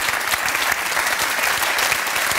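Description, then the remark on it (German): Sustained audience applause fills the whole stretch, a dense, steady wash of many hands clapping at a fairly loud, even level with no voices standing out. “da haben Sie noch einen Applaus.”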